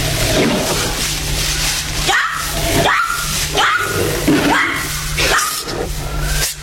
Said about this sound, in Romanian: Ai auzit? Asta e o panteră.